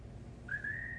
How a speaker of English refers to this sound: Remember when I used to say that bird was the lonesomest sound I'd ever heard?